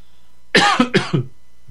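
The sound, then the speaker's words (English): A person coughs twice in quick succession, fairly loud, rough bursts with a short gap between them and no talking. “Let me cough here for a second.”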